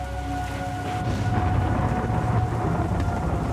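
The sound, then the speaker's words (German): A thunderstorm with steady, dense rain hissing throughout and a low, rolling rumble of thunder underneath, sustained, with no voices. “Zuerst hofft halt einmal, dass es dabei irgendwo überstehen, das Gewitter, oder?”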